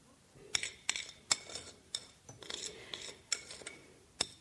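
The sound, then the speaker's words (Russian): Freshly baked blini are laid out on a plate by a young woman at a table in the middle of a room: a fork or spatula clinks against the dish several times at an uneven pace, with soft scraping and rustling in between, with no talking. “Она раскладывает на тарелке только что испеченные блины.”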